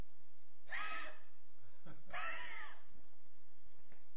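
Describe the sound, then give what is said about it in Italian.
A cat meows twice, each call drawn out and wavering, with a short pause between them and a quiet background. “Comincia l'allergia al gatto.”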